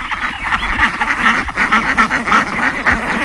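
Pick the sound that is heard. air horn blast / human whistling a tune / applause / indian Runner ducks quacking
indian Runner ducks quacking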